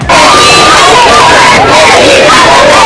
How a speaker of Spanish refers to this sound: Momento, gritos de alegría, aplausos, vítores a León XIV, que ha recorrido todo el frontal de la fachada principal de este Palacio Real en el Papamóvil, de pie saludando a todo el público ante su recorrido en Papamóvil en España.